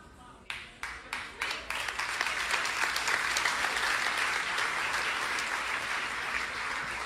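An audience breaks into applause during a sermon: a few distinct claps at first, quickly swelling into dense, steady clapping that holds loud and continuous to the end.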